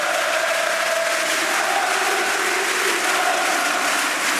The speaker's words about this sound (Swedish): Och dessutom 3 raka mål. Ja, och helt plötsligt nu ställer sig hela arenan upp här och jublar. Lyssna!